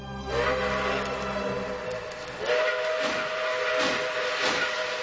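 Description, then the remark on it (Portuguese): A steam locomotive's whistle blows with a sustained tonal wail, followed by bursts of hissing steam that pulse rhythmically like chuffs, fairly loud, with no voices, as the steam train crosses the mountains of Minas Gerais, Brazil. “É, ouvinte, a Maria Fumaça vem cortando as montanhas de Minas Gerais, mineiro não perde o trem.”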